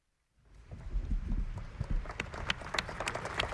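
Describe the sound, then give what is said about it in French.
After a moment of silence, a crowd in Paris breaks into applause following a homily by Pope Leo XIV at an open-air service; the applause quickly builds into steady, dense clapping, a continuous patter of sharp claps lasting to the end. “Sous les applaudissements et aussi le recueillement qui va suivre de cette homélie prononcée par le pape Léon XIV.”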